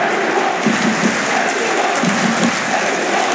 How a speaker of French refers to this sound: Et les joueurs du Paris Saint-Germain qui applaudissent.